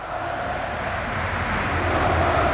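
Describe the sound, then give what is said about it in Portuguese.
A stadium crowd at the Estádio do Dragão applauds FC Porto captain Diogo Costa as he comes onto the pitch, in a dense, continuous wash of clapping and cheering that swells slightly louder toward the end, with no speech over it. “Cá está, Diogo Costa muito aplaudido neste preciso momento.”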